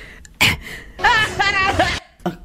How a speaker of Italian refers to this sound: Aspetta, viene il singhiozzo, scusa. Cosa? Hai sentito? Cosa? C'è il singhiozzo.